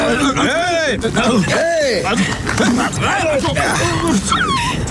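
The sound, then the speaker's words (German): A dog yelps and whimpers in a series of rising and falling cries, loud, tangled with several people shouting and talking over it; the dog is whining for its life after being thrown in by someone. “Was denn für ein Hund?”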